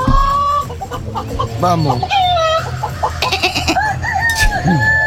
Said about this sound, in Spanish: Callen los gallos. Sí, callen los gallos.